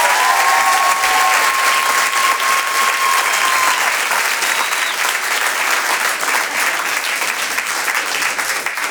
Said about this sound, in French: Je vous demande maintenant de faire un tonnerre d'applaudissements à Amel Chabi.